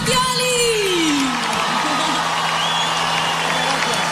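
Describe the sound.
Steady, dense applause and cheering from an audience, with a loud whoop sliding downward near the start and crowd voices mixed in throughout.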